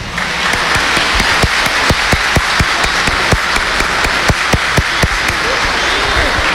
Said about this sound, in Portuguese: Celebraremos a solenidade e louvor à Nossa Senhora da Conceição Aparecida, a padroeira do Brasil. Para Nossa Senhora, nosso carinho, nosso amor e uma salva de palmas.